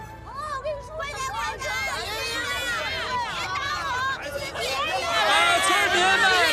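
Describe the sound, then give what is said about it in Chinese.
A crowd of villagers in Liujiawan village chattering over one another before a village committee director election meeting, a steady overlapping babble of many voices with no single speaker standing out, growing a little louder toward the end. “村民们，安静一下啊！咱们这个会啊，马上要开始了。”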